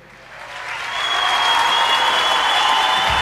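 Audience applause swells over the first second into a steady, dense wash of clapping that holds loud to the end, with a faint high tone running beneath it and no voices.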